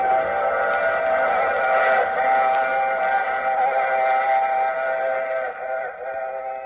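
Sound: train running with whistle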